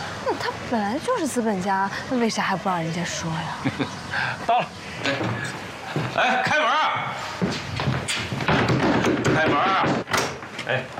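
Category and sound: household object, door opening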